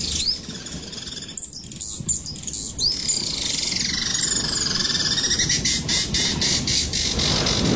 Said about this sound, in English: Okay, how does it work? So, just play a bird noise.